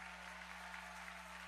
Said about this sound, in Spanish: vamos, dale fuerte el aplauso al Señor allí, que se escuche un aplauso con alabanza.